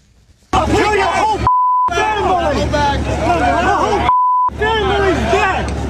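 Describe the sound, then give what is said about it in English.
Two short, steady electronic beeps cut through a loud crowd of shouting and overlapping voices at a street protest, each beep briefly replacing the noise before the clamor resumes. “I want to show a little bit of this protest and listen closely because a lot of beeping going on, but listen and watch.”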